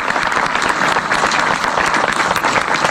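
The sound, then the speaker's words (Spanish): An audience applauds PepsiCo steadily, a dense wash of many hands clapping at a loud, even level for the whole stretch, with no voices standing out. “Un aplauso, por favor, para PepsiCo.”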